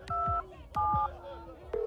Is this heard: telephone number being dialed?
yes